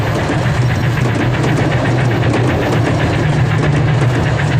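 A heavy train engine idles at a station after the train has arrived, with a deep low hum and a faint rhythmic knocking, holding constant loudness throughout with a broad mechanical rumble on top and no voices.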